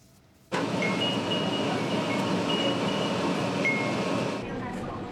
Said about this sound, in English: The sound of wind chimes in the breeze is a staple of Japanese summers, and now they're being used to help quake-hit Kumamoto Prefecture. A tram decked out in the little bells is asking for donations.